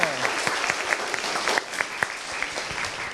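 A group claps steadily in a classroom for about three seconds after students present on being a good citizen, a dense, even patter of many hands with a few sharper individual claps standing out. No one speaks over it.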